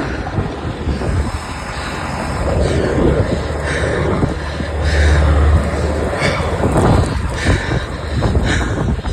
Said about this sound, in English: shared this audio as helicopters started to drop in